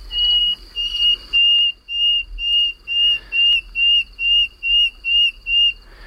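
A common nightingale sings at night: a steady run of about a dozen clear, high, pure whistled notes, evenly spaced and loud, over a faint low background hum.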